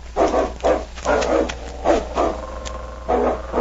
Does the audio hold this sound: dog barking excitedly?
yes